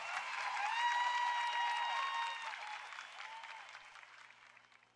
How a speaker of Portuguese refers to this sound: Uma salva de palmas,